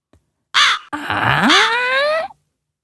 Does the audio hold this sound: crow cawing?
yes